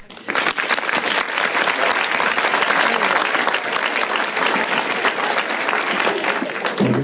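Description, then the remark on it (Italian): Sustained applause from a crowd in tribute to the late Roman actor Nino Manfredi, a dense patter of many hands clapping steadily at a loud, even level for several seconds, with no one speaking over it. “Questi applausi sono tutti per lui.”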